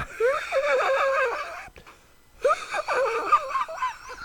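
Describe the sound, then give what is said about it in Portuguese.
A voice imitates a car engine starting, with sputtering, wavering vocal bursts in two stretches separated by a brief pause. The noises are fairly loud, rough and breathy, with no words spoken. “É tipo motor ligando de um carro assim, ó.”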